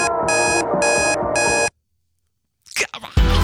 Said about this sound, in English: Now ignore the alarm, listen carefully for the music playing in the background, turn your radio, your phone, your telly, your smart speaker up nice and loud and tell me, what's the alarm?